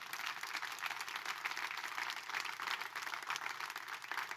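A church audience breaks into steady, sustained applause for God, many hands clapping in a dense, even wash of sound that holds at a fairly constant level throughout, with no voices standing out.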